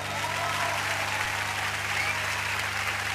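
A crowd applauds steadily for about three seconds after a song played on the radio station LU23 Radio Lago Argentino, the dense clapping holding an even loudness throughout, with a faint low hum underneath.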